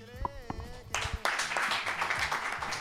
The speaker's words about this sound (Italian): Gli applausi in radio si sentono poco, ma stasera ce ne sono tanti, tra cui anche insomma quelli di possibili futuri radiofoni di questa radio, magari qualche storico ritorno